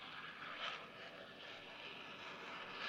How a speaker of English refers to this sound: Simply riding on the pure power of that Learjet engine.